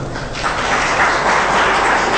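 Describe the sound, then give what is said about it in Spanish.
A crowd in La Paz gives a loud round of applause to the Lord, a dense, continuous wash of clapping hands that stays loud and even throughout, with no voices breaking through. “¿Cuánto puede dar un fuerte aplauso al Señor?”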